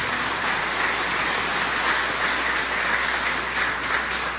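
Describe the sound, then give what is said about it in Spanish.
An audience applauds the bishop at his first Mass at Santo Cerro, a dense, steady wash of many hands clapping that holds at an even, fairly loud level throughout, with no voices over it. “Esta es su primera misa, vamos a dar un fuerte aplauso al señor obispo.”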